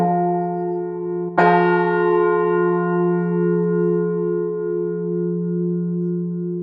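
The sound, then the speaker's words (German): A large church bell from about 1470, rung every day for the midday peace prayer, rings out, its humming tone renewed by a fresh strike that sends out a bright, rich chord of overtones, then a long, steady, slowly pulsing hum. “Glocke, die läutet seit etwa 1470 jeden Tag zum mittäglichen Friedensgebet.”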